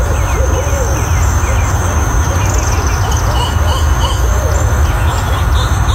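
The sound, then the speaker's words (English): Owls call faintly a few times against a steady wall of crickets and insects, with constant low rumbling noise underneath, outdoors at sunset. “Well, there's definitely an owl or two, because I saw two owls last night, but then there was something else.”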